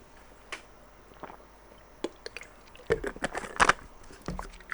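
A radio host at FM 101 drinks water during a call-in program, with soft clicks and a burst of crinkly, wet handling and swallowing sounds near the end. Nobody speaks.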